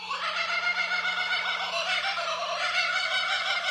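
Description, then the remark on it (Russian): A kookaburra, an Australian bird, gives its laughing call, loud, a continuous raucous cackle of rapid rising and falling hoots that fills the whole moment without pause. “И очень часто в Австралии люди просыпаются под смех кукабары.”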